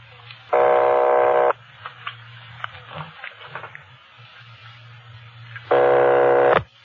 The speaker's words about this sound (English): Keep ringing, 761. They're ringing the number, Sergeant.